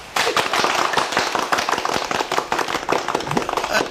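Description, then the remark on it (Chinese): A group at a delivery company bursts into steady, dense applause for a rider made a gold knight, many hands clapping close together at once, lively and fairly loud, continuing without a break for several seconds. “这就叫虎父无犬子，鼓掌。”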